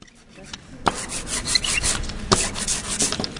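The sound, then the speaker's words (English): A printmaker's paint roller spreads jet black ink over a carved piece of linoleum with a sticky, rasping rub, starting after a brief quiet moment and continuing in steady back-and-forth strokes with a few sharper crackling peaks. No one speaks. “The local artist and printmaker spreads that ink across a carved piece of linoleum.”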